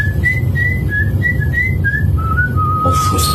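A person whistles a short tune, a series of clear stepping notes that slide lower toward the end, over a steady low background rumble.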